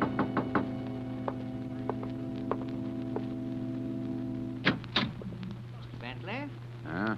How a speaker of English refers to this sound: Two nights later, I was alone, and there was a knock on the door.